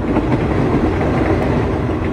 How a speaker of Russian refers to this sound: Скорый начал притормаживать, мимо Мирка пробежал проводник, громко объявляя, что поезд подъезжает к станции Трнава.